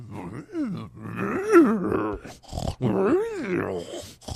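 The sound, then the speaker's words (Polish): A voice imitates the cooing of pigeons on a balcony with a few low, throaty, moaning calls that rise and fall in pitch, separated by short pauses. “Wielu ludziom nie będzie przeszkadzało na przykład takie gruchanie, a dla mnie to jest jakby mi się ktoś ruchał na balkonie.”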